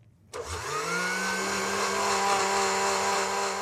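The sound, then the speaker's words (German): An electric hand mixer switches on abruptly and briefly stirs pancake batter with a splash of mineral water, its motor pitch rising as it spins up, then holding a loud, continuous high-speed whirring drone with no voices. “Teig noch einen Schuss Mineralwasser und jetzt kurz rühren”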